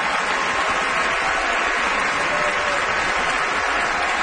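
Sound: opera house audience applause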